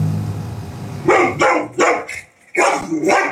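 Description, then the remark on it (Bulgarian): A large Cane Corso dog barks loudly, a quick run of four or five deep, harsh barks, the last one drawn out, over a low background rumble with no talking. “През днешния ден разбрахме, че въпросното куче, домашно порода Кане Корсо, е имало и предишен инцидент, при който е нахапало дете.”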